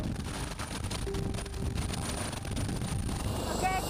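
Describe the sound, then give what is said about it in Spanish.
A loud, steady roar of a helicopter in flight during a training flight heading to the Alps, with a dense low rumble filling the whole stretch and muffled voices faintly beneath it. “Mi primer vuelo en helicóptero, qué miedo tengo en este momento.”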